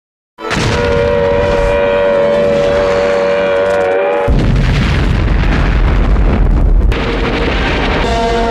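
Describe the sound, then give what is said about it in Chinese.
A wailing air raid siren sounds over heavy, rumbling Japanese artillery blasts during the autumn 1944 Japanese invasion of Guangxi, China, followed by a sustained roar of explosions and booming impacts, loud and continuous with no voices. “然而，西南剧展高涨的气氛很快就被日军的炮声打破。”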